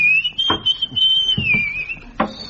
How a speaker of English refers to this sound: But his whistling has no melody whatsoever. Yeah, it's known as modern whistling.